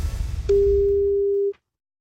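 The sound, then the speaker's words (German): A single steady electronic telephone tone sounds for about a second at moderate loudness, cutting off abruptly over a faint low rumble, like a ringback tone as a radio station calls a listener who signed up for a prize. “dann haben Sie jetzt Ihre Chance, weil jetzt klingelt das Telefon und dann sollten Sie singen.”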